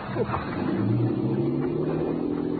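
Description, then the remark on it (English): A boat engine drones steadily as Saria pulls away with the boat, a continuous low throbbing rumble with a slight rising pitch, fairly loud, with no voices over it. “There goes that luscious cookie Saria with the boat.”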